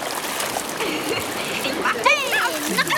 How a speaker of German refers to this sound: Im Wasser spritzen … ihren Papa gründlich nass.